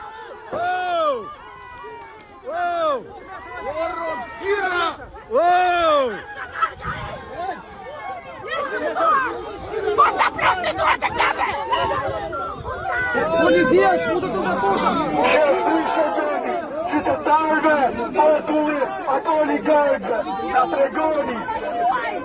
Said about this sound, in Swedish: Vad är det vi hör? Det är upprörda människor. Ja, det är väldigt upprörda människor, och det de här demonstranterna skriker då, det är bland annat att det här är invånarnas land, försvara inte oligarkerna, till exempel.